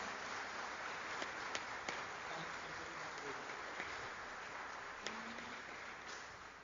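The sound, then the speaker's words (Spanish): A church audience applauds the paschal candle at the close of the Easter season, a dense wash of many hands clapping steadily for several seconds with a few sharper claps standing out, and no one speaking over it. “Damos un aplauso al cirio pascual.”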